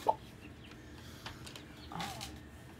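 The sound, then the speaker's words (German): A newly hatched turkey chick of a new robust crossbreed, hatched after 28 days in an incubator in Lower Saxony, gives one short, clear peep right at the start, followed by quieter rustling and faint chirpy noises in a busy room. “Nach 28 Tagen im Brüter sind die Küken geschlüpft.”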